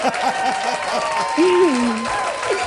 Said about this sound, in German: Aber das ist mir ein Applaus. Das hört ja gar nicht mehr auf. Hier kommt ein Applaus.